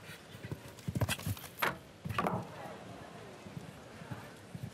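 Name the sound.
horse hooves clip-clopping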